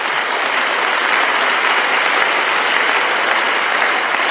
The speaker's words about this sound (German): Ich meine, hier sollte doch ein Applaus fällig werden.